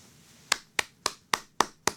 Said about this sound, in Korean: 박수 한번 드립시다. 박수 한번.